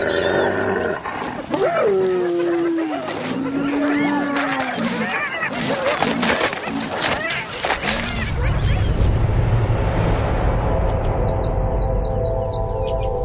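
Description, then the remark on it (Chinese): Spotted hyenas growl and let out whining, rising calls, overlapping for several seconds, as the group's leader asserts its presence, then a low rumbling growl continues while birds chirp faintly in the background. “这也正是头领展示存在感的时机，虽然通常情况下仅仅是几声咆哮和有力的抓挠足矣。”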